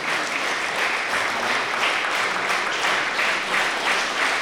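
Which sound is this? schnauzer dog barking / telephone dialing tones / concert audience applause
concert audience applause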